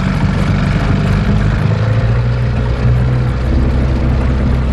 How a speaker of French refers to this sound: Quelques minutes en canot à moteur et nous voilà déjà à bord, sur le fleuve, dans un autre monde.